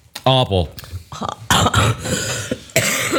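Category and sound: human body sound, coughing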